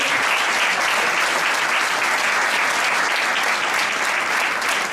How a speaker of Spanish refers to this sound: creo que se merece otro aplauso.